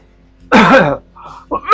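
A loud, rough cough lasting about half a second, followed by a brief quiet murmur and then a couple of shorter coughing bursts at the end.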